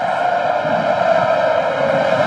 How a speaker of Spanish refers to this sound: Escuche nada más la marcha real en la tribuna del Sánchez Pizjuán.